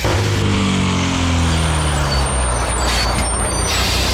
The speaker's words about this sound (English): Are you driving a bus? It's Chilli FM's Next Stop Canberra.